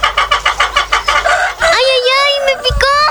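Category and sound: bird, chickens clucking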